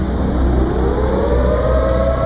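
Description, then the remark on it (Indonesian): A loud warning siren sounding because Dam Waela has burst, winding up in a steady rising wail, sustained throughout over a heavy low rumble, with no voices present. “Nah, itu. Itu sirine toh. Bapak dengar sendiri tuh.”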